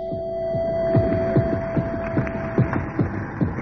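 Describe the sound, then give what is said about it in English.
A heartbeat-like throbbing from deep within a pipe: low, dull, hollow thuds pulse in a steady rhythm, about twice a second, over a constant electrical hum and faint hiss, with no voices. “Neither did the sudden recurrence of the heartbeat from deep within the pipe help the repair crew's confidence.”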